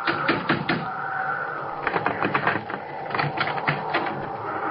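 Knocking on the wooden door of a house by someone lost in a snowstorm, in rapid, insistent bursts of sharp raps, fairly loud, with a steady hiss of background noise running underneath; no one speaks.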